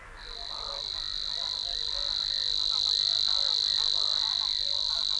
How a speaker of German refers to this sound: Dank Vogellunge mit Luftvorratssäcken können Rohrschwirl- und Schilfrohrsänger pausenlos singen und gleichzeitig atmen.